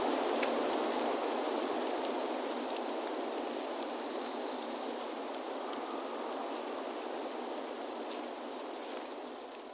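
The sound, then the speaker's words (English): Steady rush of abundant fresh water flowing in a forest runs unbroken throughout, a dense watery hiss with faint high bird chirps briefly surfacing near the end. “From new leaves in the canopy to decaying leaves from last fall on the ground, we can also hear the birds, insects, and small mammals living off this abundant fresh water.”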